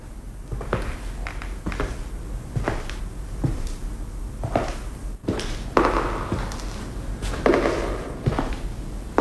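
Slow footsteps thud one after another across a hard floor, each step ringing out with a hollow echo. No one speaks.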